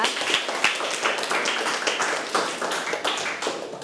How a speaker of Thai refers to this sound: ขอเสียงปรบมือให้กับผู้สาธิตของเราด้วยนะคะ